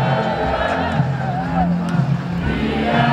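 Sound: celebrating crowd shouting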